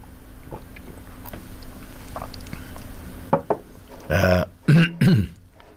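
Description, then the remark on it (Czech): After a few seconds of quiet background hiss, a small click sounds, then three loud, short slurping gulps follow in quick succession as someone drinks tea. No one speaks. “Pardon, já jen si trošku napiju našeho skvělého čaje.”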